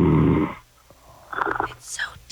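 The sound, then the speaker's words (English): A single deep, rumbling snore from a man sleeping on a call from San Diego sounds loudly for about half a second, then gives way to quiet, hushed voices murmuring. “He's got snoring problems.”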